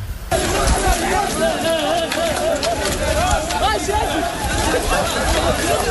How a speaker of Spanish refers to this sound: Como se les oye correr, los agentes antidisturbios han conseguido hacer un cordón justo donde empieza la carretera que lleva a la parte del puerto donde están los campamentos